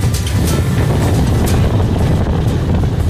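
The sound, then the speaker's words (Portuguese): Strong wind blows steadily across an oasis of dunes and freshwater lagoons in northeastern Brazil, a loud rushing roar with heavy low-end buffeting against the microphone and brief gusty surges, no voices present. “No oásis, quem dita o ritmo é a natureza. Quem manda é o vento.”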